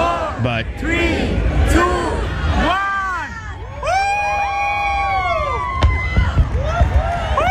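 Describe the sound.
A large outdoor crowd cheers, whoops and shouts continuously during a fireworks display in New York City, with a few sharp bangs cutting through the rising and falling voices.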